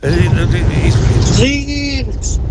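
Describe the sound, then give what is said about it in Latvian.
A car engine rumbles steadily throughout, with a voice speaking over it before fading into quieter background noise. “Nu, te ir tagad... Automašīna.”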